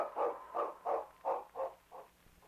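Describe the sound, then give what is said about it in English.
A sled dog, the lead dog King, barks in a quick, steady run of about six short barks, alone, growing slightly softer toward the end. “If the great lead dog could have talked, he would have told the sergeant a very important thing.”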